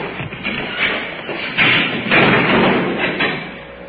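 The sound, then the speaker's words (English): A door thuds shut partway through in a jail, a dull, muffled knock rising out of steady low background noise, followed by a brief rustle of movement. “Through the door.”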